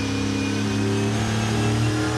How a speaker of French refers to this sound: Un V8 qui prend 7500 tours. Oh la vache. Oh le son. C'est juste exceptionnel. J'adore.